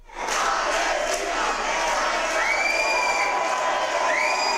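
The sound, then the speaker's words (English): Pro-Palestinian activists, back from an aid flotilla to Gaza, chant and cheer at an airport in Bilbao, Spain, before Spanish police subdue them: a loud, dense, continuous roar of many voices, with rising shrill whoops and whistles standing out near the end. “Pro-Palestinian activists chant and cheer before being subdued by Spanish police after they returned to their country.”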